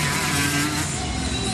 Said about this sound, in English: That's not. Oh, it's a motorbike. Don't leave me to work this out by myself.